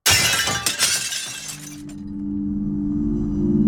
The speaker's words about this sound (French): Peu de temps après, la vitre a volé en éclats.